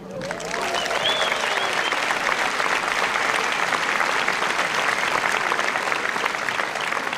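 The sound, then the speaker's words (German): Sustained audience applause for the German All-Star Big Band, a dense, steady wash of many hands clapping at an even, loud level for several seconds, with a few faint whistle-like tones rising briefly near the start. “Und wenn Sie dazu klatschen, fühlt es sich für die Band, glaube ich, noch viel toller an.”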